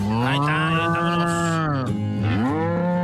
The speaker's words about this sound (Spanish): Vamos a poner efecto de vacas, a ver, vamos a poner las vacas del corral.